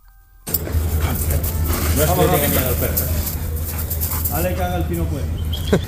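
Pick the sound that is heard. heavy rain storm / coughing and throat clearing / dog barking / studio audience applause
dog barking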